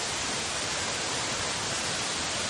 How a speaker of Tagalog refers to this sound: So, ana palang kadlaon, grabe ng bunok sa uwan.